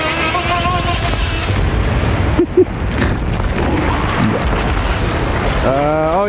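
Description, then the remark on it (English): A loud explosion blast roars into a sustained, rumbling wash of noise that fills the whole clip, with shouting voices audible at the start and again near the end. “His body will shield me from the blast.”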